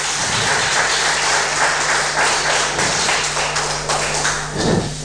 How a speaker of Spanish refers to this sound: Denle un fuerte aplauso, hermano, hermana, al Rey de Reyes.